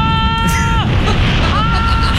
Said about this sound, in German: Können wir bitte noch einmal hören, wie du schreist am Ende? Das ist so krass.